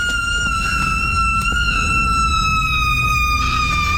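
A long, piercing high-pitched scream, let out while going through Ringler's House on Haunted Hill, a haunted house in Brook Park, holds one steady, siren-like note for several seconds, sliding slightly lower toward the end, loud over a low rumbling background with no talking.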